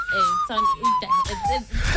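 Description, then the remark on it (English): A steady, clear whistled note in a song holds for about two seconds, sliding slightly lower toward the end, with people talking underneath it. “I go down the whistling for a minute.”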